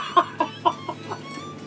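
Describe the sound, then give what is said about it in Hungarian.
A brooding hen with chicks clucks about five times in a steady, quick rhythm, the calls clear at first and gradually softening, with no voices. “Én megmondom, néném asszony, sose dugdossa Kend azokat a csirkéket a kotló alá, majd ha a kotló héját lát, dugdossás nélkül is maga alá veszi őket.”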